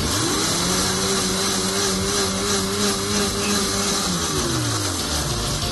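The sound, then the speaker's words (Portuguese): A blender whirs steadily while mixing a thick cake batter of pumpkin, eggs, sugar, a pinch of salt, vegetable oil and milk, a loud continuous motor hum that holds an even pitch for several seconds before winding down near the end, with no voices. “Vamos processar até obter uma massa homogênea, ligando o liquidificador.”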